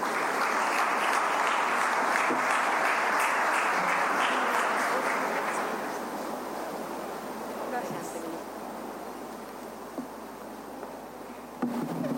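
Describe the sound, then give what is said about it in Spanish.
A large crowd claps loudly and steadily as engineer Claudia Centurión, Minister of Public Works and Communications, is invited to present, a dense wash of applause that gradually thins and fades over the last several seconds. “Para su presentación, invitamos a la ingeniera Claudia Centurión, ministra de Obras Públicas y Comunicaciones, con un fuerte aplauso.”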